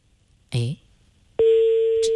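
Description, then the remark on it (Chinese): A short spoken utterance, then a steady, unbroken telephone ringback tone starts and drones on loudly and evenly to the end while a call to the Jinshi Real Estate property management line tries to connect. “还是在接通。”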